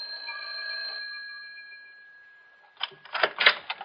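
The doorbell of Professor Jarman's house just off a college campus, rung on a September evening, rings out with a bright, sustained metallic tone that slowly fades over a couple of seconds, followed by a short burst of clattering, rattling noise.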